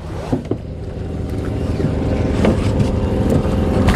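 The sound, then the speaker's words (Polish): A small motorboat's engine drones steadily as the boat reaches a dried-out riverbank at San José de Acininga, where the water level is very low: a low throbbing hum that swells slightly louder over a few seconds, with a couple of brief knocks near the start. “Nasza łódka dotarła do brzegu.”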